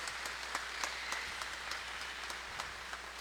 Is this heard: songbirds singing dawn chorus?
no